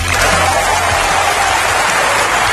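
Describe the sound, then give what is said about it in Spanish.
Loud, sustained applause from a large crowd, an ovation following a medal recipient's acceptance speech, a dense wash of clapping that holds steady for a couple of seconds with no voices on top. “Pues no nos extraña nada esa ovación porque estuvo soberbio.”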